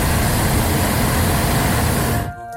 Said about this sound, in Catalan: Heu volat mai en globus aerostàtic? Quina sensació vau tenir, si és que ho heu fet alguna vegada? Com és això de mirar a vista d'ocell i escoltar només el silenci esquitxat per les ràfegues del cremador?